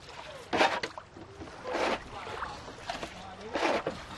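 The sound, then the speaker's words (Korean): Someone cleaning a wooden boat on the water to prepare for a tour, the boat used like a commercial taxi: three separate splashy, scrubbing bursts about a second apart, with quieter lapping and faint background murmur in between. “먼저 배를 청소합니다.”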